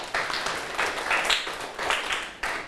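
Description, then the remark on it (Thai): A group of students in a classroom clapping together for a classmate who gave a correct answer in a maths lesson, a steady burst of applause: dense overlapping claps at an even loudness that carries on for a few seconds without speech. “ถูกต้องนะครับปรบมือให้เพื่อนหน่อยครับ”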